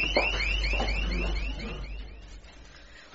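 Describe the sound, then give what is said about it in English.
A panic alarm wails with a fast, repeating electronic sweep, loud at first, then fading and growing muffled toward the end. No one speaks. “Panic alarm, somebody, Trenton, somebody please, I can't do everything.”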